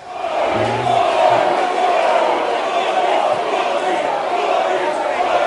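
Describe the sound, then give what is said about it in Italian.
A crowd of protesters shouting together at an Italian political rally, halting the speeches, with Giuseppe Conte and Angelo Bonelli on stage; a dense, steady roar of many raised voices with overlapping yells rising out of it, loud and continuous throughout. “Si sentono diverse urla, ma purtroppo non sembra che possano nell'immediato riprendere gli interventi.”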